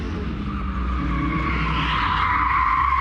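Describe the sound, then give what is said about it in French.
A 470-horsepower turbocharged rally car skids onto grass with zero grip, with a steady, loud engine drone and a rising whine across about three seconds, its tires sliding on the grass with a rough, continuous roar and no voices. “Ah bon, voiture de rallye, hein. On peut aller un petit peu dans l'herbe.”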